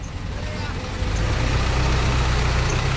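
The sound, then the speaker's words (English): A bus engine rumbles steadily, its low drone swelling slightly louder partway through as the bus pulls away, with faint background noise and no clear talk. “All right, just going to figure out how to get off this bus. Slam it shut. Slam it shut. Off they go.”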